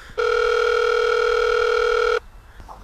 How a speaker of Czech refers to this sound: šel za ním domů a zvonil u vrátek.